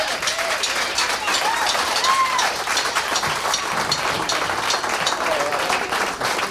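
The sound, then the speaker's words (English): Steady, dense audience applause welcoming a singer up to the stage fills the whole stretch, a broad crackling wash of many hands clapping at once, loud and sustained without a break, with faint voices and whoops mixed in. “We'd like for y'all to give him a big round of applause and get him up here.”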